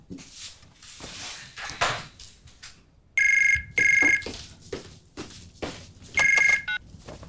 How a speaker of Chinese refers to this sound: 哎妈，这么晚给我打电话，有事儿啊？